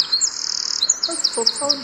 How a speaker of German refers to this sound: Genau, so singt der Zaunkönig. Wir hören das häufig in Wäldern, gerade auch wenn die feucht sind, wenn da irgendwie so ein Bach durch den Wald läuft, dann ist das ein typischer Gesang für so ein Gebiet.